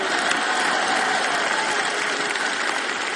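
An audience applauds, a dense, steady patter of many hands clapping at an even loudness throughout, with no voices standing out above it.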